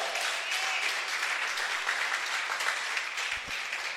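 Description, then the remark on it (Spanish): A church audience applauds for Jesus Christ, many hands clapping together in a dense, continuous wash of sound that holds at an even level throughout, with no voices standing out. “¿Cree que se merece un aplauso Cristo por eso?”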